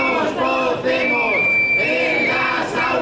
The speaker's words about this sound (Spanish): Al grito de nos cocemos en las aulas, se han concentrado esta mañana frente a la Asamblea de Madrid padres y padres de la plataforma Aprender sin Calor.